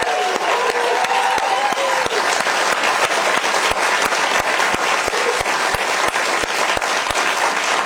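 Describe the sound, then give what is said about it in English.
A room full of people claps steadily for a school's dean and leader, honouring his effort to bring about the school. The applause is a dense, sustained wash that stays loud and even throughout, with sharp individual claps standing out. “Can we just give a round of applause for this incredible human being and great leader,”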